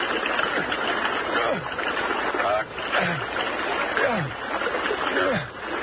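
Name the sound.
splashing water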